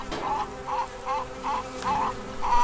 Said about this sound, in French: Je suis devant le chèvrefeuille. Les abeilles sont par milliers sur le chèvrefeuille et ça me remplit le cœur de joie de les voir comme ça travailler et j'espère ramener du nectar pour faire du miel.